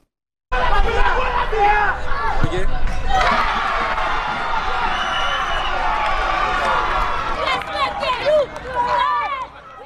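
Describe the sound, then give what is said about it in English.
A crowd of children, young football players in Haiti, cheers and shouts in a loud, continuous clamor of high-pitched voices over Haiti qualifying for the World Cup, with bursts of excited yelling and occasional thuds like a ball bouncing underneath. “And the kids are cheering.”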